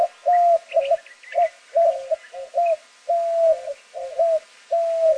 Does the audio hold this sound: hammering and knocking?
no